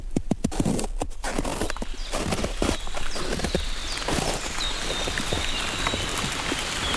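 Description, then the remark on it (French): Light fine rain patters steadily in a beech wood in the Pyrenean foothills, with a dense wash of fine drops and a few sharper taps on surfaces at the start. No one speaks over it. “Une pluie fine.”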